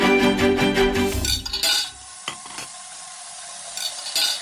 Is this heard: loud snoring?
no